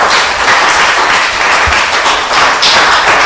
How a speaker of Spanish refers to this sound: Ojo, dele palmas, pues, y le va a dar palmas al Rey.